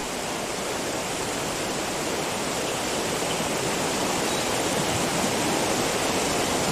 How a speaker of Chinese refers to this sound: 短短数小时，大鱼市河水暴涨起来。对这群猎豹来说，这成了意外的障碍。在此之前，这里不过是涓涓细流而已。